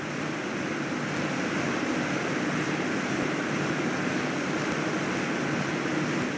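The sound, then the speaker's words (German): A waterfall roars in a steady, dense rush of water, loud and unbroken throughout with no voices, a broad hiss spread over low rumble and bright spray; its water is tasted as a refreshment during a ride through gorges. “Eine Erfrischung direkt vom Wasserfall und sogar im Fahrtpreis enthalten.”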